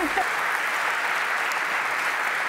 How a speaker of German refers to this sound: Ja, Glückwunsch. Euer Applaus.